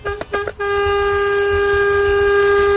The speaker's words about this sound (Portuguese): Misericórdia, esse povo quer matar os outros, é de susto na estrada, não é possível, essa buzina aí, você vê 4, 5 segundos buzinando, imagina alguém que tá passando na frente ali, rapaz, toma um susto danado, brinca assim não.